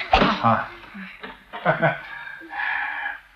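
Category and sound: human body sound, child coughing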